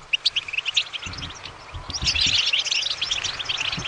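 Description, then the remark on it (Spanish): A goldfinch sings a rapid, twittering stream of bright chirps and trills, growing denser and busier toward the end, with a faint low rumble underneath. “Un jilguero, muy bien, has acertado.”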